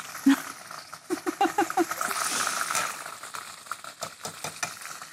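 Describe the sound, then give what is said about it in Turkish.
Food sizzles and crackles in a hot pan, a steady hiss with scattered sharp pops, while brief bits of voice break through. “nar gibi kızartıyorum.”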